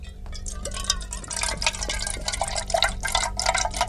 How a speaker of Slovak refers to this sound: No toto, vravel som si, veď v tej hadičke si dakto nalieva malinovku do pohára.